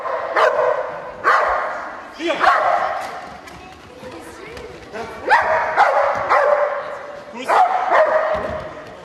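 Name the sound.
dog barking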